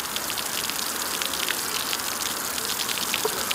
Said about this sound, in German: Zement und grober Kies werden zusammengerührt. Was entsteht, sieht erstmal aus wie ein grauer Puffreis. Und wenn Wasser auf die Oberfläche trifft, fließt ein guter Teil direkt unten wieder raus.